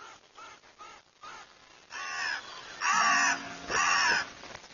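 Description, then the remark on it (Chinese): Crows caw in harsh, raspy bursts: a few fainter calls at first, then three loud caws spaced about a second apart, with no talking. “乌鸦不仅身体强壮，还非常聪明而且冷酷。”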